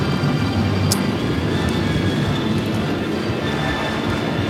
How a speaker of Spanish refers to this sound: Estamos tratando de agarrar un buen video de los aviones que nos están dando show todo el día, pero no hemos podido.